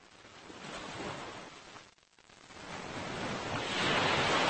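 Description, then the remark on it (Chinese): Ocean waves crash against rocks in a steady roar of surf, briefly easing to a lull before building again to a louder, hissing wash. No voices. “对游泳者来说，海浪与礁石碰撞的地方是最危险的水域。”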